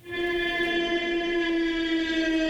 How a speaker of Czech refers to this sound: Takové zvuky nechcete, abyste slyšeli, že vám to letí nad hlavou, to je přahý dron.